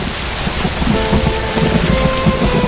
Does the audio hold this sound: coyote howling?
no